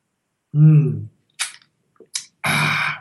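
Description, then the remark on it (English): Slurping water through a LifeStraw filter straw: a short voiced hum, then a few quick hissy sucking bursts ending in a longer, louder gurgling slurp. “Let me get a slurp here from my life straw.”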